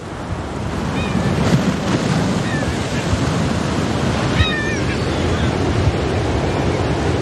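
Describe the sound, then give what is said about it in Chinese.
Sea waves wash steadily against the shore of Inishvickillane island in November, blending with gusting sea wind into a continuous, full roar. A few faint, high chirps come through briefly above the surf. “每年十一月，这一幕都伴随着海风与海浪在伊尼什维基兰岛上演。”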